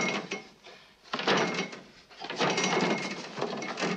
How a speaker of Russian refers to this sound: Шурик дергает ручку двери на себя.